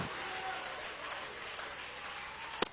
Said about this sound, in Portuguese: Então as palmas para Jesus e o glória a Deus não pode parar.